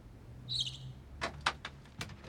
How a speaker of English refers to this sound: He opens the door of the cupboard under the stairs and peers inside.